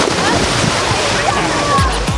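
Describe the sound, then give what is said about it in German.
A loud splash of someone jumping from the pool edge into the water of an outdoor swimming pool in Gescher, followed by about two seconds of churning, sloshing water, with faint voices in the background. “Ja, und wir halten uns natürlich auch an die Regeln, ne, und springen nur vom Beckenrand ins Wasser”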